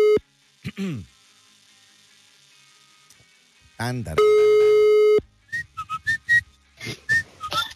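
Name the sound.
telephone ringback tone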